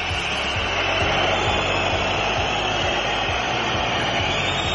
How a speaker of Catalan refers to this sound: Xiulets. abans del descans. Escolteu-los al Palau.